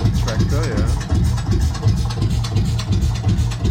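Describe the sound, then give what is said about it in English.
A Lanz Bulldog tractor engine runs steadily, a loud, low chugging with a rapid, even thump repeating throughout, layered with a rough, noisy rattle above it. “So that's the Lanz Bulldog. The tractor.”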